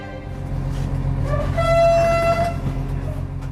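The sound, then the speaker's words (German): A single sustained train horn blast rings out for about a second over a steady low rumble of rolling machinery, clear, with no voices, as three-carriage express train number 889 departs Vilnius main station in Lithuania at 6:45 on a grey morning. “Schnellzug Nummer 889 hat den Hauptbahnhof Vilnius in Litauen pünktlich um 6:45 verlassen.”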